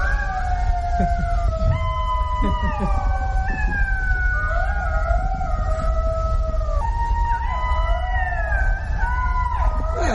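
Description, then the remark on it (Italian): A chorus of golden jackals howling together, several high wavering voices overlapping in sustained, siren-like wails that rise and fall in pitch continuously for about ten seconds. “È simile a un lupo, è un lupo grigio nell'aspetto, e anche se è più piccolo. È lo sciacallo dorato.”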